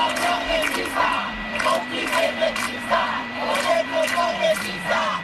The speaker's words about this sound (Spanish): las concentraciones que han recorrido España en las últimas horas, se ha escuchado este grito.